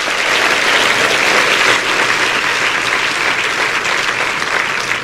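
A crowd applauds steadily, a dense, even wash of clapping hands that holds at a loud, constant level for the whole stretch, with no voices rising above it.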